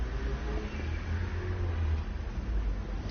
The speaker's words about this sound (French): Une Volvo qui tourne dans le boulevard Saint-Germain.